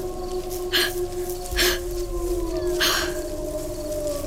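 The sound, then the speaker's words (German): Several wolves howl and cry out together in complete darkness during a hunt, in long, overlapping, wavering tones that hold steady and slowly glide, with a few brief bursts of rough noise breaking through. No one speaks. “Ich fand mich in völliger Finsternis wieder, und in dieser Dunkelheit hörte ich Wölfe heulen und aufschreien in der grässlichen Lust der Jagd.”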